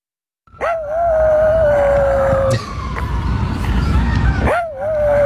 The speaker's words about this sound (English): This is friend of the show, tiny rat dog Brutus, howling at sirens in Central Park.